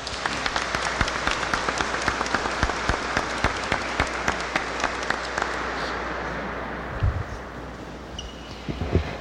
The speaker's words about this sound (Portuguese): Saudemos a palavra com uma salva de palmas.